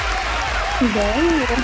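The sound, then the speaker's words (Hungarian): Steady applause on a radio broadcast, celebrating a couple, fills the whole moment, dense and even, while a person's voice speaks over it partway through. “Ezzel a tapsal pedig titeket ünnepelünk.”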